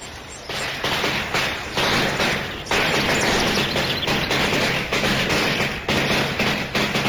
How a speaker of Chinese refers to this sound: 噼噼啪啪，一串百子鞭炮像条红蛇似的在毛泽东脚边炸响。毛泽东参加的是湘潭西二区上七都血耻会成立大会。